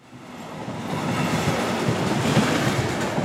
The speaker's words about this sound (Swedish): Nu är den första provturen avklarad. Att köra eldrivet persontåg mellan Storlien och Trondheim på den nyelektrifierade Meråkerbanan.